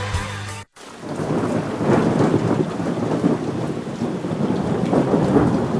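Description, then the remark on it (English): A brief cut gives way to a loud, steady thunderstorm: heavy rain pours continuously while deep thunder rumbles and rolls beneath it, enveloping, with no voices. “Severe weather can strike at any time.”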